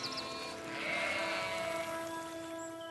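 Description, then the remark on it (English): A sheep bleats in a long, sustained, wavering cry that swells slightly midway, clear, with no voices around it, as the sheep are led to fresh pasture. “Amram and Zeb led the sheep to fresh pasture lands”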